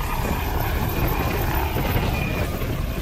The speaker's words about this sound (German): Am Flughafen Dortmund ist ein Intensivtransporthubschrauber der Luftrettung stationiert. Der Hubschrauber ist bekannt als Christoph Dortmund und deckt einen Umkreis von etwa 60 Kilometern ab und kann sowohl für Notfälle als auch für Kliniktransporte